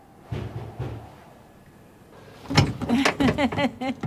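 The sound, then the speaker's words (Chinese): A door is opened for someone who has no key: a couple of soft low thumps, a quiet pause, then a louder burst of rattling and clattering as it swings open. “快开门，我没带钥匙。”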